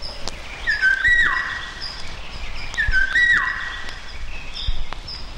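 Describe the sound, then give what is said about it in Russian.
A Eurasian golden oriole gives its fluty, whistled call twice, two matching phrases a couple of seconds apart, clear over a faint outdoor background, recorded at the edge of the Starovsky forest. “Одна вот из красивейших наших птиц, которую все знают понаслышке, но далеко не все видели в природе, слышать, возможно, и слышали, но не знают, что это именно ее крик, это Иволга.”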